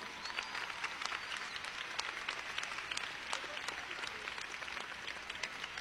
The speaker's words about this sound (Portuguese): Então, palmas para Jesus.